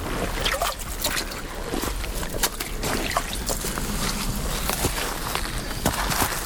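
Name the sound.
water lapping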